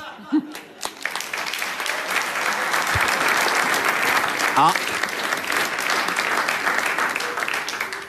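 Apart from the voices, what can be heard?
audience applause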